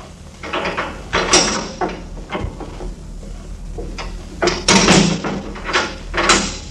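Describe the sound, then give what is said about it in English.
A door opens to bring in a prisoner waiting just outside, with a series of wooden knocks, scrapes and thuds, moderately loud, spread over several seconds with no voices. “She is just outside the door.”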